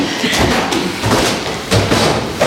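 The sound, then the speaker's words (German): Heavy footsteps thump steadily up old wooden stairs to the second floor of an old house, a series of dull, evenly spaced thuds, with faint background noise between the steps. “Also wir laufen jetzt noch in den zweiten Stock rauf, weil ich das kleine Zimmer nicht nachnehme.”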